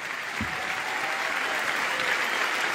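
An audience applauds the Lord for a member who made the effort to come despite his knee. Many hands clap in a dense, even wash of sound that holds at a consistent level for the whole stretch, with a faint low thump near the start.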